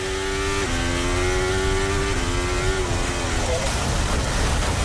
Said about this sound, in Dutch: Vanuit de auto van Charles Leclerc, het moment dat hij eraf gaat.